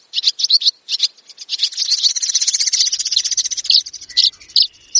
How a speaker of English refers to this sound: Swirling overhead, dozens of birds swoop and glide in pursuit of insects. Are they swallows or swifts? How in the world do you tell them apart?